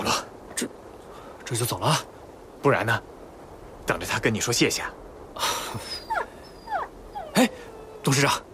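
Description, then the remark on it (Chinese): An injured three-legged wolf whimpers and wails while people treat its wound with liquor as a disinfectant: a string of short, high whines and drawn-out sliding cries, mixed in with people talking. “三腿狼啊，你忍着点啊，不处理一下。”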